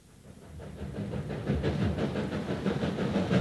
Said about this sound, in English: The train arrived in Gleninnis at 4 that afternoon. There was no one at the station to meet me.